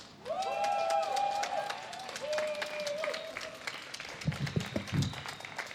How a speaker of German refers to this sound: Und wir hören jetzt als nächstes eine Kundgebung vom AAT. Also bitte gerne einmal dicken Applaus.